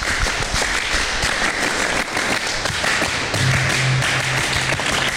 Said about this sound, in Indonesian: Jadi kita kan hari ini istimewa ya adik-adik semuanya. Dua kali tepuk pramuka.